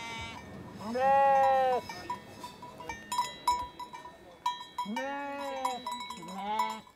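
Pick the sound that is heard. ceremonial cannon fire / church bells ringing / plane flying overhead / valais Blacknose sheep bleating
valais Blacknose sheep bleating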